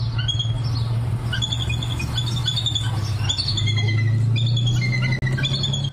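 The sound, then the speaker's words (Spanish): Calls of a pair of bald eagles nesting in Los Angeles County: a rapid series of high, thin chirps and piping whistles, repeated steadily throughout over a constant low rumble, with no voices. “Ahora mire esto otro, una pareja de águilas calvas fue confirmada anidando en el condado de Los Ángeles.”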